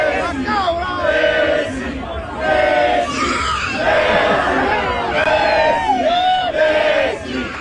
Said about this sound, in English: They're all chanting. And as he lifts him, the goat's like, rah!